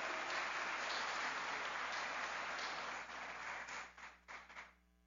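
A crowd applauds warmly for people celebrating birthdays, a dense wash of many hands clapping that holds steady for about three seconds, then thins into a few scattered claps before fading out.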